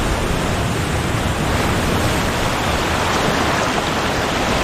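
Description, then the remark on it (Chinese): A dense, continuous roar of winter sea waves surging against and flooding the coastline, loud and steady throughout with no distinct pauses between breakers, and no voices. “冬季的海浪淹没了海岸线，海水带来了营养丰富的食物。”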